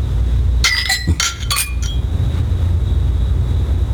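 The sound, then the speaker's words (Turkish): Glasses clink together in a toast, a quick cluster of three or four bright, ringing taps over a low background rumble, then the ringing fades away. “Şerefe.”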